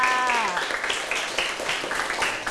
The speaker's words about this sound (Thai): ว้าวเยี่ยมยอดมากค่ะปรบมือให้เพื่อนค่ะ